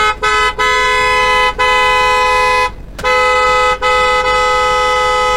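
A car horn blares loudly in a series of long, sustained honks, separated only by brief breaks, sounding insistent and nearly continuous.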